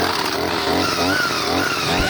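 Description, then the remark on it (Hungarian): A small two-stroke brush cutter engine is pull-started at 8 a.m. for a test cut and runs loudly, its buzzing pitch climbing and wavering as it revs up from idle, with no talking over it. “A fűkaszát adom, ez sok.”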